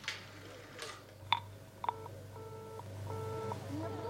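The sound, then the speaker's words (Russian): A phone number is dialed: a few sharp clicks give way to a steady series of touch-tone beeps, each held briefly with short gaps, over a low background hum. “Давай, набирай снова.”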